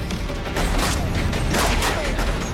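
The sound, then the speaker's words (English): A passing train roars by loud, a steady heavy rumble broken by repeated sharp metallic clatters, with no voices. “Eric sprints across the tall grass toward the three, his view now blocked by the passing train.”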